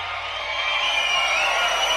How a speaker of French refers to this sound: Ah, ouais. T'entends la foule vidéo, ils nous adorent.